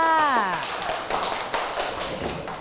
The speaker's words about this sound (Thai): เอาละค่ะตบมือให้เพื่อนค่ะ